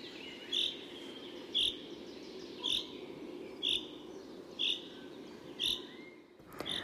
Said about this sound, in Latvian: Un žubītei ir arī sauciens, ko sauc par lietus dziesmiņu. Tas atgādina tādu rīvītes skaņu.